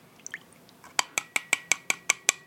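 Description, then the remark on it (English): Milk glugs from a carton into a china cup in about eight quick, evenly spaced plops, each with a bright ringing tone from the cup, with no talking. “And pick your China cup up and empty your contents of your milk carton into said cup.”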